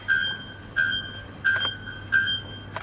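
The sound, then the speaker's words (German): A bare-throated bellbird calls in four loud, metallic bursts, each a ringing, high tone with harsh harmonics, repeating at a steady rhythm like a squeaky rusty hinge or alarm beep. “Es ist aber tatsächlich ein Vogel. Und zwar ein Vogel mit einem wunderschönen Namen. Nacktkehlglockenvogel.”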